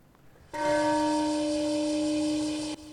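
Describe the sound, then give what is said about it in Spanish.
The Peace Bell in Hiroshima, rung at 8:15 in the morning in a ceremony remembering those killed in the first nuclear attack, rings out with one loud stroke, its deep, steady tone and bright overtones sustaining evenly for about two seconds before cutting off abruptly. No one speaks. “Es la campana de la paz sonando en Hiroshima.”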